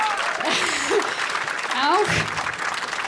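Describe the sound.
An audience applauds steadily for about three seconds, a dense, even patter of clapping with a few voices calling out and rising over it.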